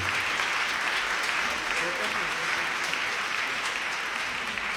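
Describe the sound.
Steady, dense applause from an audience fills the whole stretch, a broad even patter of many hands clapping at constant loudness, with faint voices mixed underneath.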